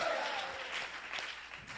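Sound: audience applauding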